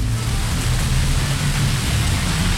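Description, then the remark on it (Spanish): A heavy downpour roars steadily in Pinares de San Martín, a dense unbroken hiss of rain with a low rumbling undertone, constant in loudness throughout and with no voices. “Ese es el aguacero que está cayendo en Olímpica Estéreo por Pinares de San Martín. Aguacero duro.”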